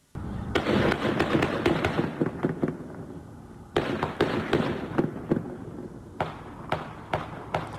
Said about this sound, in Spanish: Así se escuchó el momento del tiroteo, grabado por alguna de las personas que estaba a la distancia y sacó su celular.